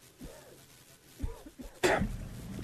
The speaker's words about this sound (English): You're coughing up a lung over here.